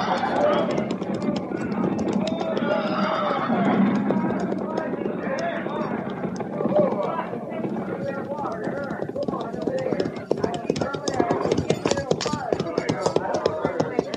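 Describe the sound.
Many horses' hooves clip-clop in a dense, uneven clatter as a mounted party slows to a stop at a creek, growing sharper and more percussive toward the end, with a low rumble of horses and indistinct voices mixed underneath.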